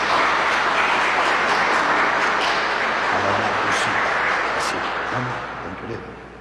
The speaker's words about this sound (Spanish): A ver, fuertes aplausos para esta jovencita.